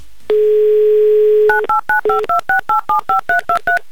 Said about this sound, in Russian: Номер телефона мы набрали. Быстро, оперативно, своими электронными пальцами.